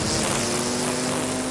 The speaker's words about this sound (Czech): Sekačky sekají.